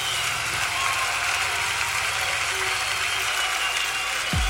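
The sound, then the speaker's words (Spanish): An audience applauds steadily, a dense, continuous wash of clapping that holds at an even, fairly loud level for several seconds, with a low rumble underneath and a brief low thud near the end. “Bendito Dios, un aplauso a aquel que es poderoso.”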